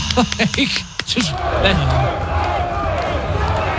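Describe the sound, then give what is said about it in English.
A person vocally imitates crowd noise: a few short, bouncy voiced whoops followed by a steady, loud breathy roar with murmuring babble-like tones running underneath until the end. “I can do some crowd noise right now.”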